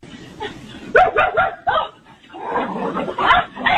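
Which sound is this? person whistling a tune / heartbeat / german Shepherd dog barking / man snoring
german Shepherd dog barking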